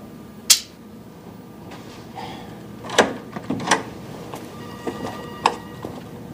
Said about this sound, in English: Inside, he hesitates as he reaches to open a double door.